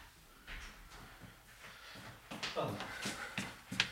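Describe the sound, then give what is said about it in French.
Shuffling and handling noises, followed by a door being pushed shut with a few solid thumps and a brief rattle at the end. “Excusez-moi, il y a une porte qu'il faut que je ferme, sinon ça fait un écho et c'est une catastrophe.”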